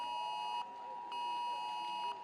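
A smartphone emergency alert tone sounds across Lower Saxony, Germany, in two long, piercing bursts separated by a short pause, a steady high-pitched electronic blare with a harsh, buzzy edge and no voices.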